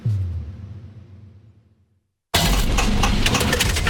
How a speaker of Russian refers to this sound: Слышали, как прощается двигатель? Коррозия, перегрев и привет, капиталка.